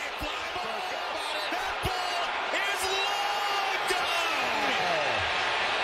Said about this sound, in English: They're cheering. Wow. That's what the fans came to see.